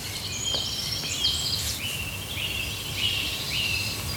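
A nightingale sings a run of clear, high whistled notes and sliding phrases in a forest, over a low steady outdoor rumble with no voices.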